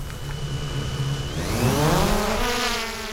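A small drone, launched by a fawn rescuer in northern Saxony to fly over a field marked with GPS points, whines into life, the buzzing pitch climbing as the motors spin up and then holding a steady, insect-like drone with no voices.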